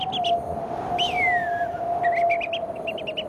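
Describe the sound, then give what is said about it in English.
A person on local radio whistles an imitation of early-morning dry savanna birdsong around Darwin: quick chirpy notes, a long descending slide, then rapid repeated trills, all over a steady hum and broad background hiss. “It's the dry savannas. Yes, as an early morning in Darwin.”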